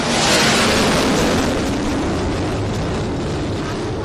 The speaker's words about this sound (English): And now look, John, you see a plane just landing right here.